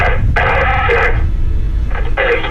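A telephone rings in two steady electronic bursts with a short gap between them, fairly loud over a dense low rumble of background noise.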